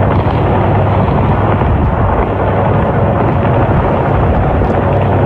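Bombs exploding in the Strait of Hormuz in a dense, unbroken roar of deep booming rumble, loud and steady from start to finish, with no separate blasts standing apart and no voices.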